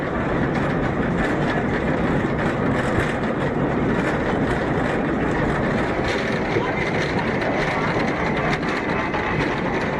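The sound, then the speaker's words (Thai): A funicular tram carrying tourists grinds steadily uphill from a lakeside pier to the summit of Bürgenstock, climbing nearly 1 km in under 10 minutes, its continuous mechanical rumble and rail rattle holding an even loudness throughout without pause. “จากด้านล่างรถรางไต่ระดับขึ้นไปด้วยระยะทางเกือบ1กิโลเมตรใช้เวลาไม่ถึง10นาทีก็ถึงยอดเขาเบอร์เคนสต็อก”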